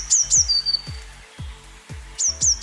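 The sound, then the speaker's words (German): Blue tit song: bright, high-pitched paired whistles followed by a short trailing trill, repeated twice with a pause between, clear over soft low thumps in the background. “So richtig, eine Blaumeise.”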